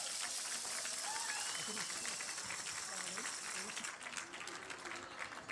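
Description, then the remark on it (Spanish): Sustained applause from a crowd for Armando Contreras Mata, municipal president of Pino, Zacatecas; a dense continuous patter of many hands clapping at steady volume throughout, with faint murmuring voices mixed underneath. “Un aplauso, gracias por acompañarnos.”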